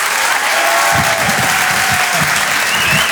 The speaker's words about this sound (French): Je vous demande donc de l'applaudir très très très fort, s'il vous plaît.